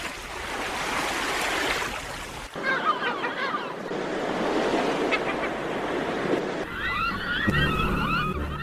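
Steady roar of surf of a blue sea washing and breaking at the foot of cliffs throughout, loud, with scattered bird calls chirping over the water in bursts, especially near the end.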